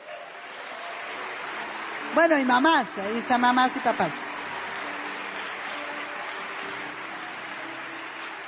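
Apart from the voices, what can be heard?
audience applause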